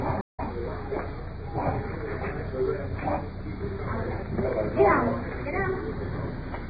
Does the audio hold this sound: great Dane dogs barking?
yes